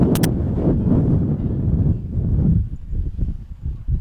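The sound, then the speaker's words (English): Loud, rumbling wind buffets the microphone in a big sustained gust at a baseball game, blowing dirt, low roaring bursts surging and easing over a few seconds with no voices. “Just trying to hold on to everything when you feel the big gust coming in, and there's some dirt right in the face.”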